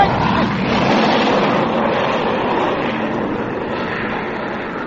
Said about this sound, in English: And what's that? Sounds like a plane of some kind. Hey, Doc! Doc, look! It's one of our fighters. It's number one.